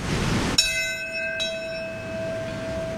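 A single memorial bell at Ground Zero in Lower Manhattan, rung on the 9/11 anniversary, strikes once, then a second strike follows about a second later, each leaving a long, ringing tone that hangs and slowly fades over steady background noise.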